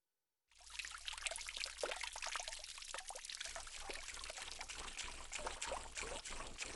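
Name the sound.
water trickling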